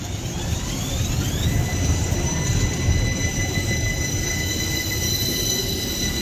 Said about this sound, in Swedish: Nummer åtta. Här drar vi på spårvagn.